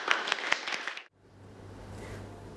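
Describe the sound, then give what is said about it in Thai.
A short burst of group applause in a classroom after a student group's presentation, many hands clapping together for about a second before it cuts off abruptly into a quiet room with a low hum. “ขอบคุณค่ะ ปรบมือ”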